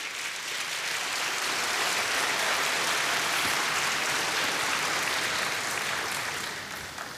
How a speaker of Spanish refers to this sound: Dele palmas al Señor.